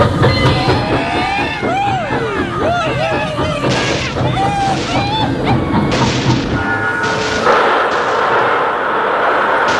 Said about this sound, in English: Railroad's coming through. Right now.